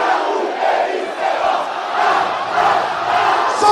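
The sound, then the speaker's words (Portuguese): Náutico football fans roar and chant together in a stadium, celebrating their team's win in Brazil's Série B championship, a loud, steady wall of crowd voices that swells in waves without letting up. “Muita festa na torcida do Náutico, naturalmente também muita comemoração”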